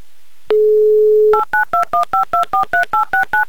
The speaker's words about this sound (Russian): Набран номер телефона Анны, дожидаемся гудков